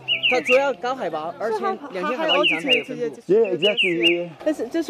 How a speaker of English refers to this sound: 他听到这个鸟声，他说他就想起这个。